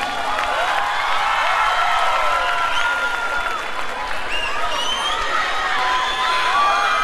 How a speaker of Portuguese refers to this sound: Aplaudi, vai, vai, vai.